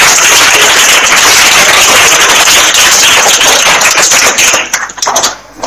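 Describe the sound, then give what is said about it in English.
A primary school class bursts into applause for a pupil's answer, a dense, loud crackle of many hands clapping at once that holds steady for several seconds before thinning out and fading near the end. “Round of applause.”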